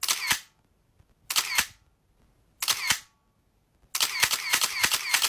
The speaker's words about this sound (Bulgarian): Както се сещате, това е звук от фотоапарат. Папарашки фотоапарат, ако трябва да сме точни.